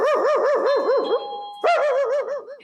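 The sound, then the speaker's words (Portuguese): A dog named Buíque barks in a rapid, continuous string of high-pitched yaps, loud, pausing briefly midway before starting up again. A faint steady tone lingers in the background. “Tem um cachorro do lado.”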